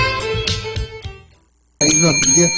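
A bright bell, the 'timbre de la verdad' of the program Blanco y Negro, rings several quick strikes in a row, its tone lingering and fading into a short silence before another loud, ringing burst cuts back in.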